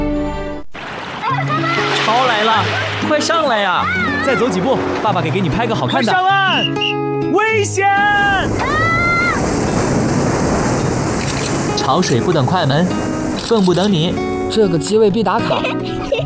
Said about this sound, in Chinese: 潮来了，快上来呀！